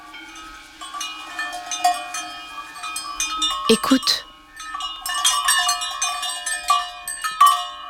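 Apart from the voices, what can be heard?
cowbells on grazing cows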